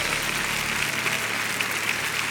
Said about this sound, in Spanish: ¿Por qué no le aplaudes más fuerte a Jesús en esta noche?